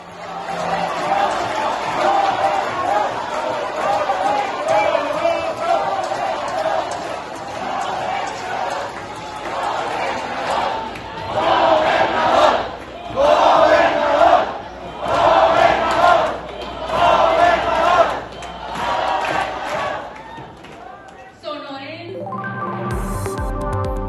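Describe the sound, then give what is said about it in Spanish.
A large crowd at a meeting with the state party leadership in Hermosillo, Sonora, chants "gobernador" at Colosio Riojas in rhythmic unison, the loud swells repeating at a steady beat over a constant roar of voices, then the chant cuts off into a brief musical sting. “Y ahí le gritaron, gobernador, gobernador, gobernador.”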